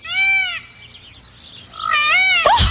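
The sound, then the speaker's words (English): A peacock gives a short, nasal, cat-like call, then a longer wavering call that drops into a low, rough, froggy purr at the end. “He purred like a little cat. Oh, this kind of sounds like a frog, too.”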